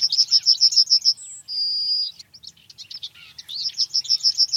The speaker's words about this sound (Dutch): En tijdens een wandeling in de buurt van het museum hoort de verslaggever die geelgors. We gaan even luisteren.